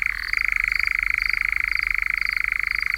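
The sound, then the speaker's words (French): A European nightjar churring: a steady, mechanical, rapidly pulsing trill that runs unbroken for about three seconds, with a slight shift in pitch near the start. No voices. “L'engoulevent est un oiseau nocturne ou crépusculaire qui chasse les insectes en ouvrant un large bec, un peu comme une hirondelle, d'où son nom allemand Nachtwalbe, c'est-à-dire hirondelle de nuit.”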